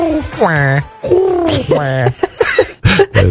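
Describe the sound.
A person mimics a dove's cry up close, voicing a few loud, swooping, warbling coos in quick succession, then trailing off into short breathy syllables.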